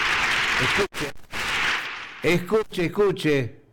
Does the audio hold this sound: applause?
yes